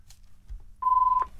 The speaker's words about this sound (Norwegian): Da ringer det.